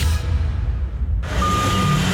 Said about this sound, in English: Hear that? That's one of AML's removal trucks pulling up.